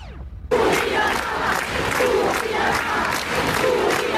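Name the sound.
protest crowd shouting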